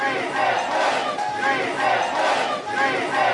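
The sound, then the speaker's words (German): Rescue workers, helpers and relatives in Cali, Colombia, cheer and shout together in the middle of the night after a person is rescued from a multi-storey building, a dense, continuous roar of many voices that swells in waves and stays loud throughout, with no clear words standing out. “Mitten in der Nacht feiern Rettungskräfte, Helfer und Angehörige in Cali. Sie heben die Arme, jubeln und rufen.”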